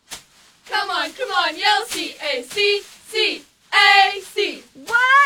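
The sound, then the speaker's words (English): A group of cheerleaders shouts a loud rhythmic chant in unison, a cheer spelling out C-A-C, with sharp handclaps punctuating the beat between their call-outs. “Ladies, let's hit us with a cheer for CAC.”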